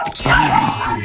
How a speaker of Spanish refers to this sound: No, el perro, escuché más al perro que a ti.